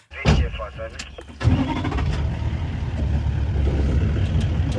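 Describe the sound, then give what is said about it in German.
A safari jeep engine in the African bush, in the early morning as the sun rises, cranks briefly, then catches with a burst and settles into a steady, rumbling idle that grows slightly louder, with a muffled voice at the start. “Der Safari-Jeep startet, gerade geht die Sonne auf.”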